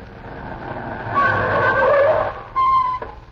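Car tires squeal loudly as a vehicle brakes hard over a rumbling engine, with a second sharp screech just before it lurches to a stop. No voices.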